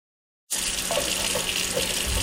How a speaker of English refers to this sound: fills up a glass of water. It's clear now, but it wasn't always.